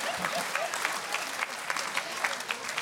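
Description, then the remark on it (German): A crowd claps steadily, a dense patter of many hands at an even, moderate loudness with small sharp peaks throughout, and no one speaking. “Yeah, an applause.”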